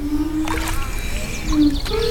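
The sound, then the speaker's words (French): Ceramic pieces on the end of a fishing-rod-like pole are dipped into water as a musical work, the contact with the water making the sound: low, sustained ringing tones that waver and slide in pitch, with soft watery splashes, birds joining in, and a steady outdoor background hiss. “Et c'est le contact avec l'eau qui donne le son.”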